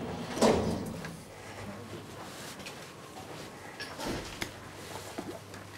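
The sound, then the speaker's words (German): The door of a modern elevator with a glass cabin in a glass shaft slides open with a clunky mechanical rumble, then a few seconds later slides shut again while its door buttons are being tested, over a steady low hum. “Tür auf, Taster geht. Tür zu, Taster geht auch.”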